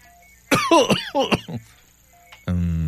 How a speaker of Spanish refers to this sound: Y a ver, deje de cambio el estetoscopio para acá. A ver, vuelva a toser.